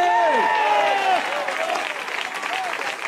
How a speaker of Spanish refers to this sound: Alabe a Dios si puede en esta hora. Dele fuerte ese aplauso al Señor, a su nombre.